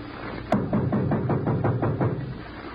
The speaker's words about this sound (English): Shall we knock or force our way? I will knock.